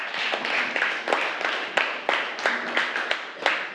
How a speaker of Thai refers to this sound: ใช่ค่ะเก่งมากปรบมือให้เพื่อนค่ะ